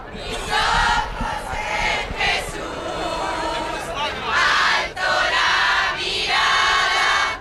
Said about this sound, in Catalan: al Palau Reial, als peus de l'Almudena, on Robert Prevost serà rebut amb tots els honors i per una multitud de fidels que ja s'apleguen de totes les edats vinguts d'arreu de la península, que el rebran, per exemple, amb càntics com estos que sentim.